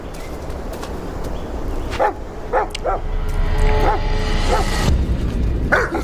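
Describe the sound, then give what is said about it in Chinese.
A dog rushes out barking at an early-morning market ground, a quick run of sharp, mid-pitched yaps, some edging into yips, over a steady rumbling background. The barks come in a loose rhythm and stand out clearly. “一只狗突然冲出，把半尾吓走。”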